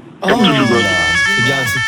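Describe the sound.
A steady, high-pitched electronic security alarm tone rings continuously, holding one pitch while a person talks loudly over it.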